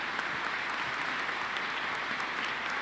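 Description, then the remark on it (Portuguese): A sustained burst of applause from an audience welcoming visiting priests at Mass in the Sagrada Família parish in Porto Velho: steady, dense clapping that holds at an even level throughout, with no voices standing out above it. “Então damos as boas-vindas com uma salva de palmas muito calorosa.”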